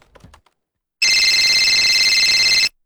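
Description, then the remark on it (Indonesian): A telephone rings with a steady, continuous electronic trill lasting over a second and a half, loud, preceded by a few faint clicks like keyboard taps. “Hingga suatu siang, sebuah telepon datang.”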